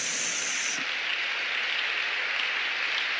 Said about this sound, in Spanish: Dale un aplauso a la gloria de Dios.